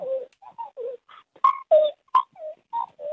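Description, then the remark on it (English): A human voice mimics a magpie's call with a quick run of warbling, gurgling notes and sharp clicks, fairly loud, with short gaps between the phrases. “We've got a late entry of a magpie sound.”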